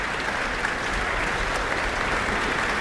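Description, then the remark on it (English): Steady, dense applause as the Auckland Philharmonia Orchestra's percussionists, brought to their feet by conductor Elena Schwartz, respond to her with applause: a continuous wash of many hands clapping at even loudness with no voices standing out. “And they're responding to her with applause themselves.”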